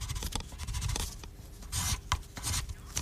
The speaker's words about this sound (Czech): Dobrá, řekli jste si, co jste chtěli, teď se mi šuplenko nevrť, ať si tě můžu dokreslit.